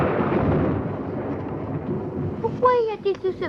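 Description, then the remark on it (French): A broad, heavy rumble of thunder rolls for a couple of seconds, then fades as a voice begins speaking over the tail of it. “Eh bien, l'éclair dit quelque chose au tonnerre et le tonnerre lui répond.”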